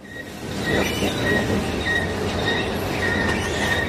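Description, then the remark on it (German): An escalator to the second floor of the largely empty Whitgift Shopping Center in Britain squeaks with repeated high-pitched squeals at a loose, uneven rhythm over a steady, loud mechanical rumble. No one speaks. “Sie quietscht, aber sie funktioniert. Die Rolltreppe in den zweiten Stock.”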